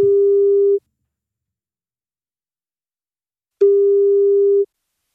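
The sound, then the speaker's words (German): Ringback tone of an outgoing phone call made by the radio station Gong 96.3 to listeners in Munich and the region: a steady, fairly loud electronic beep that sounds twice, about a second each, with a long silent gap between. No voices. “wenn bei euch das Handy oder Festnetz klingelt, das könnten wir sein von Gong 96.3.”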